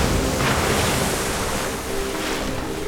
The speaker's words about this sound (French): Vent debout, mer de travers. Le bateau tangue et roule au gré de la houle.